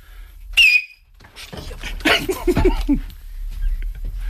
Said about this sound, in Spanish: Puedo reventar. Baja el micro, que va a silbar Miki Nadal.